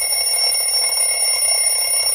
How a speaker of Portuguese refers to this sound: Aham, ó, despertador. Tocou